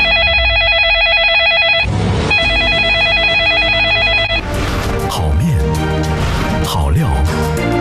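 A telephone rings loudly in two trilling bursts with a short gap between them, followed by busy music with swooping tones.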